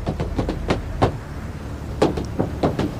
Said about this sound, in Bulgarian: е тропане на бутуши върху покрива на корейски автомобил.